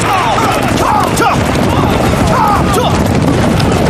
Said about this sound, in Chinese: 听，有枪声。 是啊， 年轻的驼队一定是遇上麻烦了。